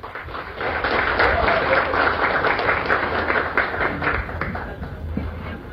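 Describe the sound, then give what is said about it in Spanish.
Strong audience applause for a speaker from the Agronorte cooperative: a dense, steady wash of many hands clapping for several seconds at an even loudness, with a few sharper individual claps standing out and faint murmuring underneath. “De la cooperativa Agronorte, licenciado Rolando Chávez, un fuerte aplauso por favor.”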